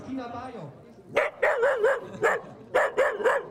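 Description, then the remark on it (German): A dachshund barks about eight times in two quick, high-pitched runs of sharp, fairly loud yaps, preceded by a brief, falling whine. “Also der Züchter, von dem ich sie bekommen habe, hat bei der Abholung gesagt, wenn ein Dackel in den Spiegel schaut, dann sieht er einen Löwen.”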